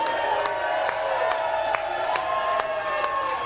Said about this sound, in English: Would y'all please give him a warm round of applause